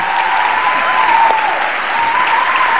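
A crowd applauds a young man doing a turn-signal (blinker) impression: a steady, dense wash of clapping that holds at an even, fairly loud level throughout, with no voices standing out.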